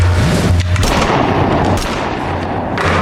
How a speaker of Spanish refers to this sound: Ahora, la historia oficial es que ustedes dos simplones se rebelaron, fueron atrapados y los acribillé a tiros a ambos durante una huida.